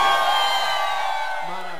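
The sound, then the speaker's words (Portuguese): A large crowd at a live music performance roars with shouts and cheers in answer to the singer's call, a dense, steady wall of many voices that stays loud for the whole couple of seconds, with a few higher whoops poking through. “Cadê o grito da galera aí?”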